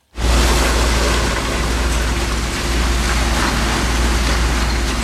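A 100-tonne long-reach demolition excavator with hydraulic shears tears down a burned 11-storey building in a former Baťa complex: a steady, loud low engine rumble under a continuous dense hiss and crackle of crumbling debris, with no pauses and no voices.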